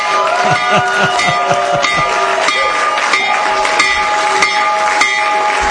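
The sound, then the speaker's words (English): The stock market opening bell, rung by the U.S. President as the markets open, rings loudly and continuously for several seconds, its metallic clang ringing on with rapid repeated strikes, over a background of crowd noise and scattered applause. “When the markets open in just a few minutes, Trump accounts will benefit. So ring the bell, Mr. President.”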